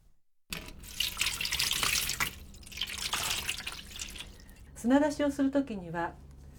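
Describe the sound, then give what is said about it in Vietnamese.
Water streams steadily from a tap into a bowl holding live clams, soaking them so they expel sand and grit, a hissing splash lasting several seconds, followed by a short burst of voice near the end. “Trước tiên thì chúng ta phải ngâm ngao sống vào nước để chúng nhả hết cát và sạn.”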